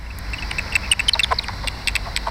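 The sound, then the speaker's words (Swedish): Rapid, irregular run of short dry clicks and ticks, the bat-detector rendering of common pipistrelle echolocation calls, recorded at sunset among the trees of Stadsträdgården park in Uppsala, over a faint low hum with no voices. “får utslag på detektorn som översätter djurens högfrekventa läten till ljud som vi kan höra.”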